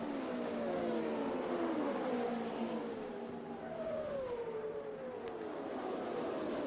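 A race car engine, Janet Guthrie's car pulling out of the pits during a 500-mile race, drones loudly and steadily, its pitch sliding down and then climbing again as it accelerates away, over a constant wash of background noise with no talking.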